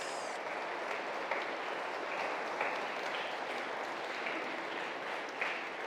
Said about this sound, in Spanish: Le damos un aplauso a estos niños que recibieron su primera comunión. Felicidades.